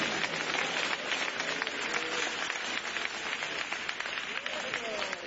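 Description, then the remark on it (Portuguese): Sustained applause from a church audience, a dense wash of many hands clapping steadily for several seconds for Jesus, with faint voices mixed in beneath it. “Os presentes, dê uma salva de palmas para Jesus.”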